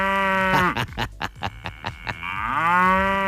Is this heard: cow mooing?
yes